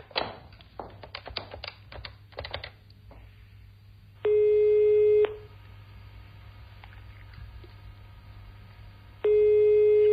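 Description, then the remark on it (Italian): A few quick taps and clicks as someone places a phone call to Dr. Franchina's office, then a telephone ringback tone: two steady one-second beeps about four seconds apart over a low background hum, with no one speaking. “Vai, faccio una telefonata e arrivo.”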